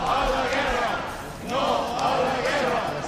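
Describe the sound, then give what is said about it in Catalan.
A crowd of protesters at Plaça de Cort in Palma, Mallorca, shouts anti-war chants of "no a la guerra" and "no a l'OTAN" in unison, voices rising and falling in loud rhythmic waves, with a brief dip before the chanting swells again. “A la convocatòria on es varen sentir crits de no a la guerra, com han sentit, i no a l'OTAN”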